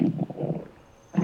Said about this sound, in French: Qu'est-ce que c'est que ce gargouillis? C'est le ventre de Toudou qui fait ce gargouillis. Toudou a le ventre qui gargouille parce qu'il commence à avoir faim.